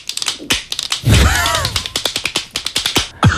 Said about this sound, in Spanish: Esto es un aplaudidor de manos de esos como los que tienen los niños que van tiqui, tiqui, tiqui, tiqui, tiqui, tiqui, tiqui